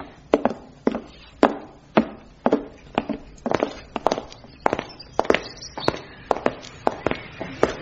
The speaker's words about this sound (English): Those footsteps you heard, they were ours, crossing into the back alley.